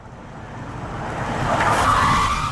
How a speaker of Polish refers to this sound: Prędkość 65. Jest generowanych 5 różnych wersji, więc to jest wersja pierwsza tego przyjeżdżającego samochodu.